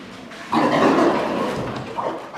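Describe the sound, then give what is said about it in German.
Pigs with their curly tails raised grunt and snuffle in a stable after a farmer switches on the light, a rough, noisy burst of grunting followed by a shorter grunt a moment later, with no one speaking. “Jetzt schauen die Schweine sie neugierig an, die Ringelschwänze aufgestellt.”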